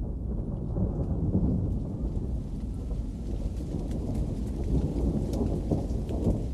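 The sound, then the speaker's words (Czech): A steady, heavy rumble of thunder rolls on under a constant wash of rain, deep and continuous for several seconds with no voices. “U jedno od onih beskrajnih popodneva sklonili su se Iris i Nino na prvi zvuk grmljavine i taman prije kiše u kući.”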